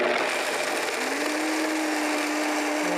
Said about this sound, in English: So we'll start with about a cup of cashew nuts and a good tablespoon of nutritional yeast flakes. That's a very good tablespoon. And we're just going to blend it in the blender. That's all you need to do.